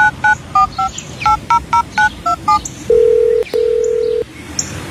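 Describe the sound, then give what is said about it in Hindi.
A quick series of about eleven short keypad beeps as a phone number is dialed to call a wife, followed by two longer, steady ringing tones, clear with no talking. “मैं अभी फोन करके ना उसे अपोलोजाइज करता हूँ।”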